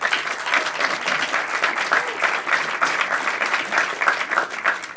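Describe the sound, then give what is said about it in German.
Steady applause from a stage quiz show audience fills the whole stretch, a dense, even patter of many hands clapping with no pauses or voices standing out. “Sie dürfen immer, immer klatschen.”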